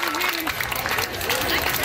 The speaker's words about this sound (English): Back at that elementary school, the students are rehearsing their cheers, with Canada guaranteed to play 3 games and hoping to advance to the elimination rounds for the first time.